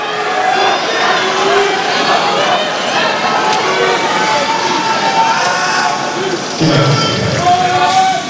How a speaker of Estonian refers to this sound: Mehed 100 meetrit liblikat teine poolfinaal on starti asumas ja kuuleme ka, et Prantsusmaa publik on siit väga hästi aktiveerunud.